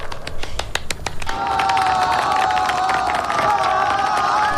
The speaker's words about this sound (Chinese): 爆发出雷鸣般的掌声，为中国运动员荣国团齐声喝彩。